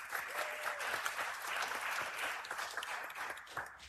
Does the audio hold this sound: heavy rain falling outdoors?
no